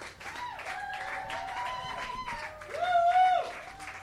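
Thunderous applause from an audience, a steady wash of clapping with shouted cheers and whoops rising above it, swelling louder near the end.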